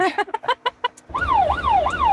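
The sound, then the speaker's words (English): An ambulance job alarm signalling a category 2 call in Sidmouth: a quick run of about six sharp, evenly spaced electronic beeps, then a loud wailing tone that repeatedly rises and falls in pitch. “And the job alarm sounds.”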